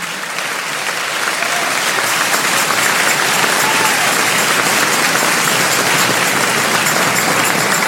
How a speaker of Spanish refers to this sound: Dale un aplauso al Rey en esta mañana.